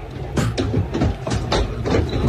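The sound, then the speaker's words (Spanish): From inside a bus a few hundred metres from the Camp Nou stadium, a series of sharp thuds and bangs from thrown objects strike the vehicle at irregular intervals, loud, over a steady low engine rumble. “Siguen sonando los objetos.”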